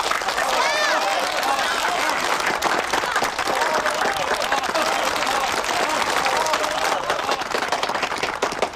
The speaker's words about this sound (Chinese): 一对新人在这个明媚的夏天即将喜结连理，让我们以热烈的掌声祝贺他们。